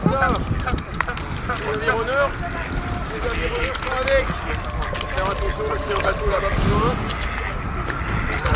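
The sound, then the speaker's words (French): Steady wind rushes and buffets outdoors during a rowing boat outing, a continuous rough roar running the whole time while several people talk and call out over it; the wind is shifting direction. “Je sens que ça tourne, le vent tourne. Il y a un peu de vent.”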